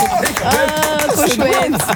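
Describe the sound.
Applause in a studio with a crowd cheering and whooping over it, welcoming a guest who has just arrived, a dense, steady patter of claps mixed with rising voices for about two seconds.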